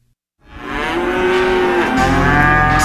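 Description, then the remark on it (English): A single long, loud cow moo begins after a brief silence and sustains for over two seconds, with a low rumbling background like wind or a passing vehicle joining near the end. “There aren't too many other corners of the world that have as many cattle as we do.”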